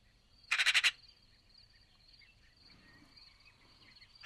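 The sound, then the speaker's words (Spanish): A Eurasian magpie (Pica pica) chattering in the Tuscan cities: a quick rattle of about five grating notes near the start, then a quiet background with a faint steady high hum and another harsh note cut off at the end. “La estáis escuchando gallear de fondo, que es como se llama en castellano a su parloteo.”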